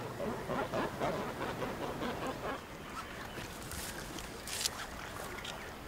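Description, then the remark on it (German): Cormorants, including young birds, flying in to roost at Möllener See shortly before sunset: a dense chorus of guttural croaks and grunts from many birds at once, steady throughout with a few sharper calls standing out near the end. “Kurz vor Sonnenuntergang fliegen sie ein. Auch die Jungvögel sind mit dabei.”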